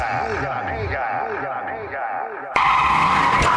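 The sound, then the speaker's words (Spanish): Car tires skid and screech loudly in wavering, high-pitched squeals for a couple of seconds, then an abrupt, harsher burst of noise cuts in and continues to the end. “¿Herido un accidente de auto?”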